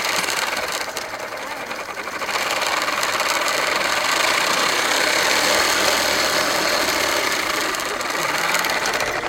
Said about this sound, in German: Also das ist ein Fahrrad, aber nicht ein normales Fahrrad. Dieses Fahrrad hat so einen kleinen Tisch und da im Tisch ist so eine Smoothie-Maschine.